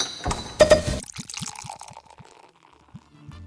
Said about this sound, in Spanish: Uy, pusieron algo bueno para beber. Si lo tiene, destápelo. Hágame el favor. Sí, señor. Destape esa cerveza.